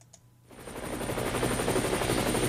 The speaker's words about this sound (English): Coming to you live from 2,000 feet in the air, this is Car Force One, your friendly neighborhood traffic helicopter.